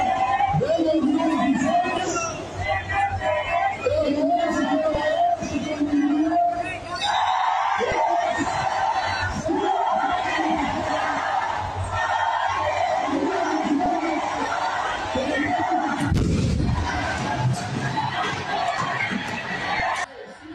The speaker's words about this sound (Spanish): En México, entre llamas y humo, maestros y normalistas prendieron fuego a una réplica de cartón de una patrulla durante las protestas del Día del Maestro.